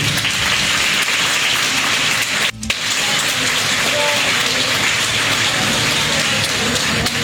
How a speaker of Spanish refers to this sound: Fuerte los aplausos para ellas, por favor.